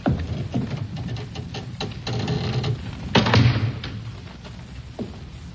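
A heavy door is pushed shut on a prisoner with a series of muffled thuds and clunks, the loudest slam landing midway, followed by a few softer knocks. No one speaks.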